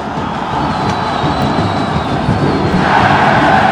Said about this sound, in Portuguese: Aí agora a comemoração da torcida do Brasil.